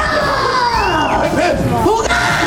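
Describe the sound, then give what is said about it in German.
A dense crowd of children shrieking and yelling at full volume, measured at about 89 decibels, many high voices overlapping with rising and falling squeals, loud and continuous throughout. “Die Piraten sind auch ziemlich laut am Kreischen.”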